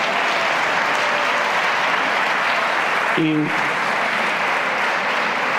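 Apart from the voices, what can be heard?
audience applause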